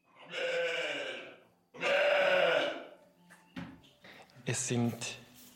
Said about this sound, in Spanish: Son ovejas de lana de la raza nariz negra de Valais, mezcladas con unas ovejas de Jacob.